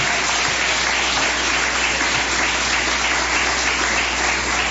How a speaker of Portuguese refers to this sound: Vamos receber o servo de Deus com palmas bem forte, bem alegre para Jesus.